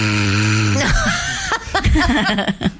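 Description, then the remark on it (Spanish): A voice imitates snoring with one drawn-out, low buzzing rumble lasting under a second, followed by bursts of chuckling laughter. “Sí, prefiero el ruido del pochoclo, te dicen, señora, está roncando.”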